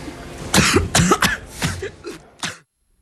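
A fit of about five or six harsh coughs in quick, uneven succession, fairly loud, each burst rasping before tapering off into silence; a cough from a scene in Spider-Man.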